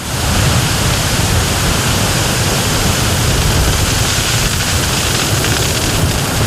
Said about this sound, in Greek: Αυτή τη στιγμή, όπως βλέπετε και εσείς, έχουμε ισχυρούς ανέμους στην περιοχή.